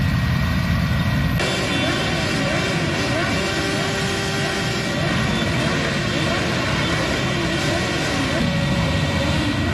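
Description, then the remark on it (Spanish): After a brief moment, a group of motorcycle engines roars up loudly, revving in rough overlapping bursts that sustain as a dense, continuous rumble, as motorcyclists pay tribute to a fallen fellow rider on leaving his funeral in Retuerto. “A la salida rendieron homenaje a su compañero mediante ráfagas.”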